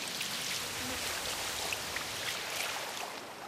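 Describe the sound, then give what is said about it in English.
Waves splash over into a rock pool as the sea level rises, a steady wash of churning water with a constant fizzing hiss and faint scattered drips, holding an even loudness throughout. “Waves splash over into the rock pool and the sea level rises.”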